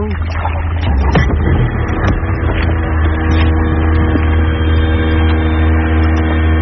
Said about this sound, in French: Le bateau sur lequel on est, ça nous sert surtout pour l'activité bouée tractée. Et aussi de temps en temps pour faire les navettes, pour aller jusqu'à l'île pour le départ des jet skis.